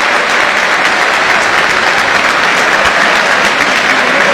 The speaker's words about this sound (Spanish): Y va Beltrán, le va a pegar el arquero. Mira el aplauso, escuchá el aplauso para Beltrán que va a patear, escuchá.